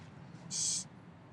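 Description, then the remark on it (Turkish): A single short, bright bird call rings out as a caged bird is set free to fly away, lasting under half a second against a faint low background rumble, with no one speaking. “Niye uçurdun kuşu?”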